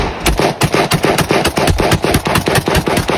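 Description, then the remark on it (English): Rapid, evenly spaced gunshots from a drive-by shooting crack out about three times a second, a loud run of roughly ten sharp bangs over a constant rumbling background, with no voices. “The gunman posting the drive-by on social media.”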